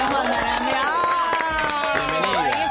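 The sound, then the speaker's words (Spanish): An audience applauds, with steady, dense clapping throughout, mixed with loud cheering and whooping voices that rise and fall over the claps, as a guest is welcomed onto the radio show Maldita Suerte. “Señoras y señores, vamos a recibirla a ella con un fuerte aplauso.”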